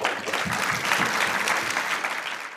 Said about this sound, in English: Can we give a round of applause for them?